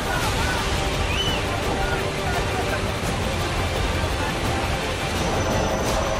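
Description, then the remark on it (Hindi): A loud, unbroken roar of floodwater surging after a cloudburst in Kargil, Jammu and Kashmir, sweeping trees and vehicles along, steady and dense throughout, with muffled voices faintly mixed into the churning noise. “बादल फटने से यहां पानी का ऐसा उफान आया कि पेड़ और गाड़ियां तिनके की तरह बहती नजर आई।”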